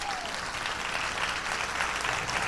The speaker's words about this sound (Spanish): Sí, ese es el aplauso.